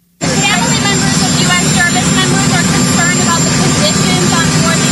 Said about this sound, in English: If you haven't seen it, it's a bit hard to hear because of the jet noise, but I'll give you the transcript after you hear this for yourself.